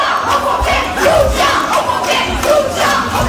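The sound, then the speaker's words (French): A crowd of high school students chants outside in front of their high school near Bordeaux, France, in support of firefighters, shouting "soutien aux pompiers"; their massed voices rise and fall in a steady, rhythmic shout that stays loud and dense throughout. “Alors, il y a eu des chants du côté de Bordeaux.”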